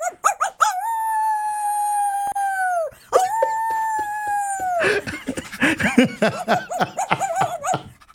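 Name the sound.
dog howling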